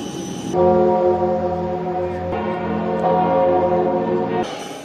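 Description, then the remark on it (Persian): Deep, sustained church bells ring out in Paris to welcome Pope Leo XIV on his arrival, with rich layered overtones, swelling and shifting as new strikes blend into a continuous resonant drone, heard fairly loud with no talking. “با ورود او به پاریس، ناقوس کلیساها برای خوش آمدگویی به پاپ به صدا درآمد.”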